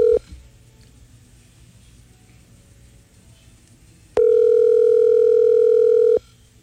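A phone line's ringback tone while placing a call: a brief clipped burst at the start, a quiet low hum, then one long, steady, loud two-second tone with a buzzy mid pitch.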